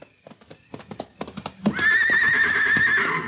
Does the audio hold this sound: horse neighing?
yes